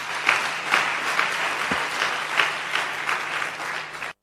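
A crowd applauds a deputy (member of parliament), dense clapping holding at an even level for about four seconds before cutting off abruptly, with a faint low hum beneath it.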